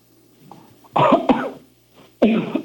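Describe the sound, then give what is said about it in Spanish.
Two loud, forceful coughs from a patient asked by a doctor to cough hard during an examination, the first a harsh double burst and the second a single sharp hack about a second later, with quiet breathing before them. “Tose fuerte, a ver, con toda tu alma.”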